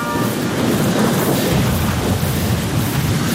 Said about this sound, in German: Das Gewitter ist jetzt genau über uns.